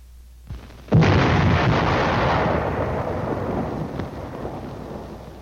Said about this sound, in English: Next, the burst of the shell on impact.